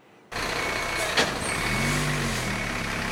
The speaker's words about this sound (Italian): Non si ferma il viavai dei mezzi dei vigili del fuoco qui nella zona industriale di Vico Pisano. Andrà avanti per tutta la notte il lavoro per domare il rogo scoppiato stamane alla Delca, azienda che si occupa di raccolta e riciclo plastica.